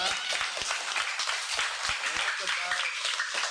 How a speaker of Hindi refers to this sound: तुमको सब ताली बजाकर खुशी करा दिए। ताली बजाने से कोई पैसा नहीं लगता है, एक्सरसाइज हो जाता है और चेहरा में गोलाप फूल जैसे खिलता है।